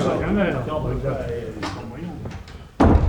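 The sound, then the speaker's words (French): A man talks over a noisy crowd as everyone is ordered out, and near the end a door slams shut with one sudden loud bang, followed by a burst of noise. “Jackson, tenez la porte pour que ces chacals n'entrent pas”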